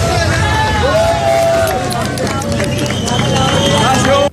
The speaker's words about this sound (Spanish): El hombre estaba siendo hidratado y el equipo de rescate estuvo en constante comunicación con él en un largo proceso que duró más de 50 horas y que terminó con estos aplausos y gritos de júbilo.